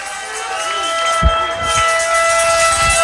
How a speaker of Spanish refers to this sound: Se oye el chofar.